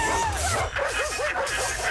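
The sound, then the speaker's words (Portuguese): A dog lets out a quick run of high, yelping barks and yips, several in close succession, fairly loud over a busy, noisy background. “Sai pra fora, cachorro!”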